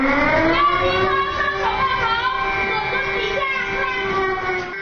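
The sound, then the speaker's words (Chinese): An earthquake emergency drill alarm at Fengbiao Primary School sounds continuously as children crouch, cover their heads and get under their desks, a loud, steady harmonic wail with slight pitch wavering, holding for the full duration over a faint background of noise. “随着警报声的响起，孩子们迅速蹲下，紧紧抱住头部，钻到课桌下方。”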